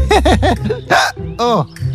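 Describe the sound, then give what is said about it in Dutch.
A voice hiccups, with the hiccups brought on by the tickle of a joke, three times in quick rhythm, each a short pitched squeak, then lets out a breathy gasp followed by one longer, wavering hic. “Ik heb de hik de adem benomen.”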